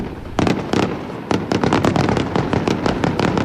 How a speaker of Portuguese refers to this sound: Fogo de artifício para assinalar a entrada no 10 de junho. Centenas de açorianos juntaram-se ao Presidente da República e a membros do Governo na Baía de Angra para assistir ao espetáculo.